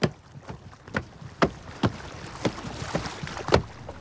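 Someone steps aboard the wooden boat Dar Mazowsza on the Vistula river: a steady series of about eight hollow, thudding footfalls on the deck, over a constant breezy hiss of wind and water. No one speaks.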